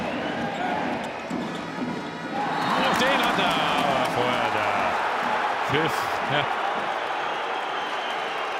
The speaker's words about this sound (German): Ja, ich glaube, das ist eher höhnischer Beifall von Co-Trainer der Kieler.